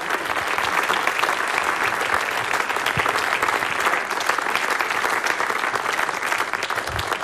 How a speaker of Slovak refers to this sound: Ďakujeme veľmi pekne za ten predchádzajúci, ten ostatný, ktorý je ocenený a blahoželáme k víťazstvu ešte raz. Toto je potlesk pre vás.